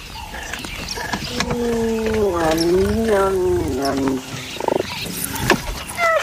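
One caracal and three cheetahs snarling at each other in the bush, seen on a wildlife safari: a loud, drawn-out yowling growl that wavers up and down in pitch for a few seconds, broken by sharper hisses and spits toward the end.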